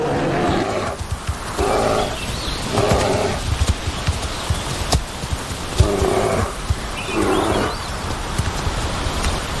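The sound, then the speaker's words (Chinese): Young brown bears roar and growl in a series of rough, throaty bursts, about one each second, over a steady rumbling background noise, with no one talking. “这些年轻的棕熊在为将来的竞争做准备，此时他们还没有争夺配偶的实力。”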